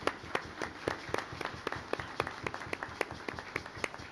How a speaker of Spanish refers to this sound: den un aplauso en este día del diácono. ¿Sí?